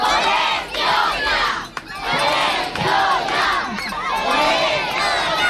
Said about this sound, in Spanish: Pues así ha sonado el grito de guerra de los casi 200 niños y niñas y sus familias esta mañana.